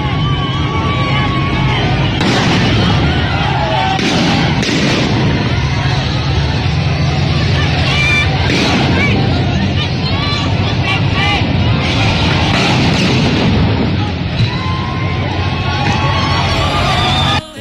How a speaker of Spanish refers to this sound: Ya llegó la manifestación al Estadio Azteca, están aventando petardos y mamada y media.